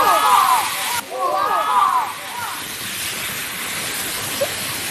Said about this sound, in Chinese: 现在就是放电的一个现象了。 这个声音已经大到有点像放烟花的那种声音了，是不是？